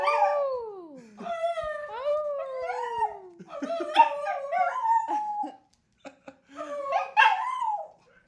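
A dog named Finley howls in long, wavering, sliding tones, several drawn-out howls in a row with brief breaks, loud, ending in higher yips and whines.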